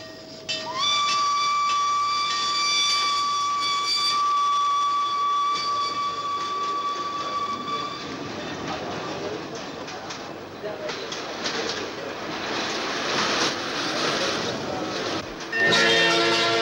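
A loud, sustained steam train whistle blows for several seconds, then gives way to the rumbling, hissing noise of a train bound for Germany pulling away from Sirkeci station in Istanbul at 6 o'clock, with a brief shriek near the end.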